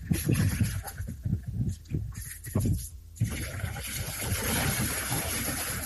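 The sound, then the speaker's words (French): Loud ocean surf roars and breaks against the shore where young people play football by the sea, with choppy surges at first that settle into a steady, heavy wash of water. “Sous le bruit assourdissant des vagues, des jeunes jouent au football au bord de la mer.”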